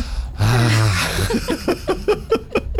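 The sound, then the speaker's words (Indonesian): A woman draws a loud deep breath in and lets it out with a voiced sigh, followed by a run of short rhythmic breathy huffs, like panting or soft laughter. “Tarik nafas dulu Ibu.”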